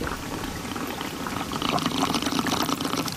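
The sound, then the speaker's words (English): Water pours steadily into a cup of iced blue raspberry lemonade to top off the drink, a continuous splashing trickle that grows fuller and louder in the second half, with no talking. “I'll top it off with water.”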